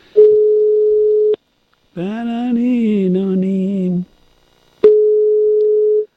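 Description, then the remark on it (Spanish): A steady, single-pitched telephone tone sounds in two long stretches of about a second each while a cut-off call is redialed, broken by a short stretch of someone talking in between. “Bueno, pues nada, tengo que llamarlo otra vez.”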